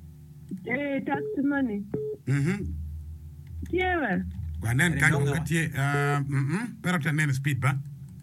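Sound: telephone dialing tones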